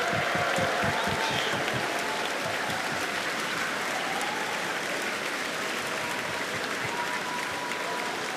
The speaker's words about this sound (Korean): 네, 기립박수가 이어지고 있습니다.